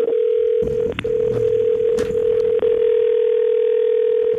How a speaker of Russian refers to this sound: Американский длинный гудок. Американский.